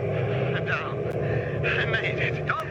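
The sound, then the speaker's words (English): A steady, loud airplane engine drones continuously, with a man talking over the constant hum. “Hit the brakes. Cut your engine. I'm circling up.”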